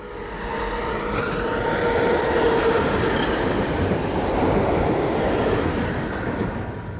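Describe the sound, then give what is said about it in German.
A tram rumbles steadily along its rails through the town of Halberstadt, a dense low roar with metallic rattling and a faint tonal whine, continuous and fairly loud, with no voices. “Wenn man mit der Straßenbahn durch Halberstadt fährt, ziehen romanische Kirchen und Plattenbauten an einem vorbei.”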